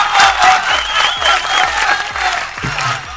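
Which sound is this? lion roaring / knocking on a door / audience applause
audience applause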